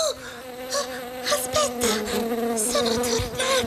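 Bees buzz steadily, a dense droning hum that wavers in pitch with brief louder swells, with no voices present.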